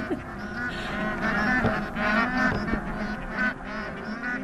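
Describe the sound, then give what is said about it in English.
A flock of geese honks continuously in flight, flying directly over the summit of Mount Makalu; many nasal, mid-pitched calls overlap in an uneven, chattering chorus that stays fairly loud throughout with no pauses. “It was as if they were ignoring the normal rules of physiology and defying the impossibility of respiration at that height by wasting their breath with honking conversation.”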